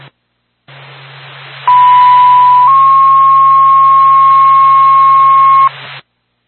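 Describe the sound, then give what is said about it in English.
A NORPAC fire dispatch paging tone for the Whitefield Fire Department plays over a hissy radio channel: a loud, steady electronic tone that steps slightly higher after about a second, then holds for roughly three seconds before cutting off. “NORPAC to Whitefield Fire Department, stand by for second tone.”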